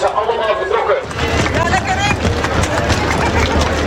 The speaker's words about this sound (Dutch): De lopers aan de lange afstand zijn vertrokken. Langs de zijlijn staan familie en vrienden de lopers aan te moedigen.